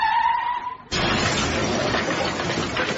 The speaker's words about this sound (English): Car crashed into it.